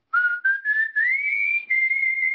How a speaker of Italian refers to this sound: Cos'è questo? Attenzione! Ha pure il fischio!